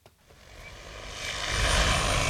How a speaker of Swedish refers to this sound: Vi står bredvid en åker i Haddum i Lovisa. En stor drönare, nästan 3 meter gånger 3 meter stor, flyger fram och tillbaks och sprider ut kalk från en behållare under till.